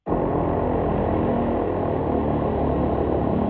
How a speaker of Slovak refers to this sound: No ja som posielala, že to vlastne záver sirény, koniec. Koniec tej sirény, toho, celého toho zariadenia, ktoré sa točí kľukou, vydáva ten sirénový zvuk.